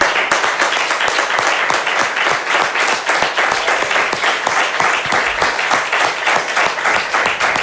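A crowd applauds steadily as a final round of applause dedicated to someone for their whole career, dense overlapping claps forming a loud, sustained wash of sound that holds at an even level for several seconds with no voices over it.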